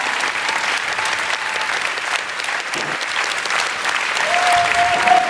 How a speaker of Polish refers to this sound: Niech wybrzmią te oklaski, żebyście Państwo poczuli klimat, który w lutym w Offenbachu będą zdecydowanie głośniejsze.